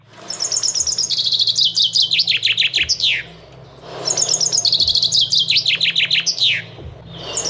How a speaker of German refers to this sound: Jetzt kommt der Vogel Nummer 2.